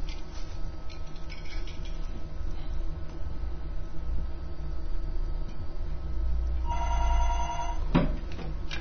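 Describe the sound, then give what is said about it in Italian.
A telephone bell rings once in a short loud burst near the end, cutting through a steady low rumbling background hum. “Suona il telefono, interrompiamo la trasmissione.”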